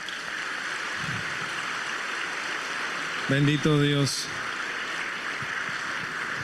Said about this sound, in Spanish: Muchas gracias. Gracias. Démosle un fuerte aplauso a nuestro Padre.